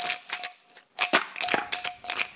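Small shards of broken glass inside an old jam jar with its lid on are shaken by a gloved hand as a glass rattle, in quick, uneven bursts, producing bright, crunchy clinking and rattling that pauses briefly between shakes. No one speaks.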